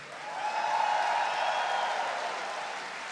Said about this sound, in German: Und einen extra Applaus für euch selbst.